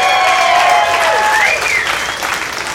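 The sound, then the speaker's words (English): A crowd claps and cheers loudly, the applause sustained and dense throughout with some whistles or shouts rising above it, tapering slightly toward the end. “Round of applause, you guys grew up in the 80s, ladies and gentlemen.”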